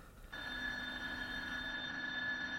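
A school bell starts abruptly and rings on in one steady, shrill electric tone, loud and unbroken for a couple of seconds, with no voices. The bell is ringing ten minutes late.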